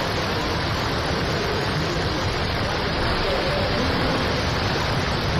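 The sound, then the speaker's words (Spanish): A heavy rain downpour, a cloudburst falling in the streets, roars steadily with a dense, hissing wash of sound that stays loud and even throughout, with no voices or pauses. “La lluvia en forma de, bueno, no sé, tromba.”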